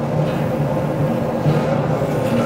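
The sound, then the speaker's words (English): A steady, dense rumble with a low mechanical hum and droning tones holding constant throughout, heard inside the club car, the last car of a moving passenger train in two sections. No voices are heard. “That's the last one of this particular train. There are two sections of train.”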